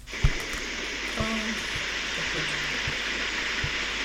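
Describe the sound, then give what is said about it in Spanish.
Heavy, torrential rain in Bellavista pours down in a dense, unbroken hiss for the whole stretch, with a few dull low thumps and faint brief tones scattered underneath. “Mire, ¿quiere que escuchemos la lluvia?”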